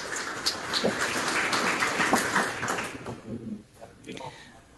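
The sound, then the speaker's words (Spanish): An audience applauds a distinguished teacher on the main stage in a dense, steady wash of clapping that holds for about three seconds, then thins out and tapers away, with faint voices underneath. “Así que, por favor, un fuerte aplauso.”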